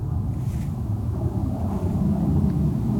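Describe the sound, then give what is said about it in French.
A steady, low rumbling drone of airplanes passing overhead, holding at an even level throughout, with no voices and nothing else heard in the quiet surroundings. “Là, hormis le passage des avions, on n'entend vraiment rien.”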